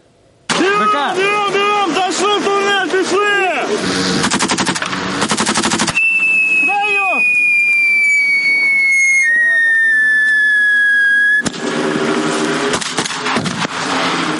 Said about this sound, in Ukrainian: Навколо вогонь, вибухають гранати, міни, але дистанцію 500 метрів слід подолати якнайшвидше. Це психологічна смуга, яку проходять курсанти 9-ї окремої бригади безпілотних систем.